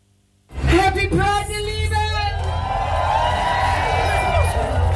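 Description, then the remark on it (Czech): A loud crowd of thousands cheering and whooping at the Hamburg Pride parade in Hamburg, with high shouts and whistles rising over a dense, continuous roar and a low rumble underneath, sustained throughout after a brief silent start. “Hamburg Pride je v plném proudu, městem procházejí tisíce lidí, ale kromě nich jsou tady taky vozy, kamiony, na kterých se tančí a duní z nich hudba.”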